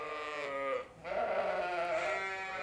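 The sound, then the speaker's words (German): Sheep bleat at a sheep farm in Aukrug near Neumünster, overlapping wavering calls with a brief dip in between, then a long sustained bleat. No one speaks. “Eine Schäferei in Aukrug bei Neumünster.”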